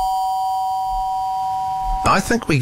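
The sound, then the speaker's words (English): An electronic doorbell tone sounds as a steady, pure two-note hum held for about two seconds, then cuts off as someone starts talking. “Yeah, with the doorbell.”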